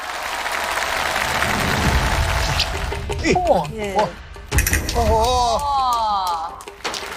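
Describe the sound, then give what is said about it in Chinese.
Audience applause welcoming the young performers from Wuqiao fills the first few seconds as a dense, steady wash of clapping, then gives way to excited voices talking and exclaiming while faint crowd noise lingers underneath. “接下来让我们把时间交给吴桥的小师傅们，掌声欢迎。”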